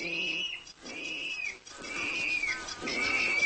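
A water rail, feeding on dead carp hidden in reeds on a riverbank, gives a series of shrill, pig-like squealing calls, about four drawn-out bouts in a row, loud with no one speaking.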